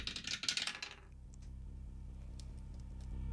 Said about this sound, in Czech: Házíme hrací kostkou. Jdu na to.